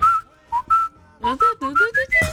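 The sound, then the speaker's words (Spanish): Someone whistles a short, bright melody of about eight distinct notes in quick succession, the pitch stepping up and down, clear with brief gaps between phrases. “Vos estabas en la calle y venía silbando.”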